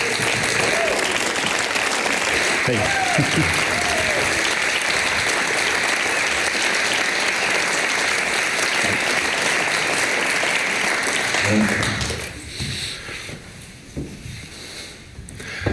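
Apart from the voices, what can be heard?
audience applause and cheering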